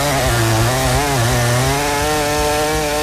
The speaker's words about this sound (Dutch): De megamonsterzaag, het kettingzaagmonster. Waar we het begin mee maken om de week door midden te zagen. Want het is woensdag. En dan pak ik hem uit mijn schuurtje.